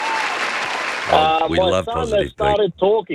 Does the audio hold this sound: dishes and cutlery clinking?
no